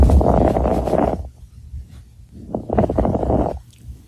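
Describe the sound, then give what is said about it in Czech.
Lung crackles from pulmonary fibrosis, as a doctor hears them when listening to a patient's lungs: two breaths, each carrying dense, fine crackling over a low muffled rumble, separated by a quieter pause, like Velcro slowly pulled apart. No voices. “Nemoc ale může zachytit už praktický lékař, který při poslechu plic takto nemocného člověka uslyší tenhle zvuk.”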